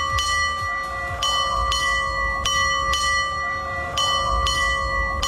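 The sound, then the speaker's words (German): A ship's bell rings out loud, struck in four quick pairs of strokes and one single stroke, nine in all, marking 8:30 as on old sailing ships; each clang leaves a sustained metallic tone that hangs between the pairs. No one speaks. “Ja, 4 Doppelschläge und ein Einzelner. Also 9 Glockenschläge insgesamt.”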